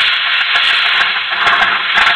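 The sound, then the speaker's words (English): A car motor runs with a steady, loud hissing whir, its tone holding even throughout, with faint irregular pulses surfacing every half second or so. No one speaks. “Have you ever heard a motor like this one?”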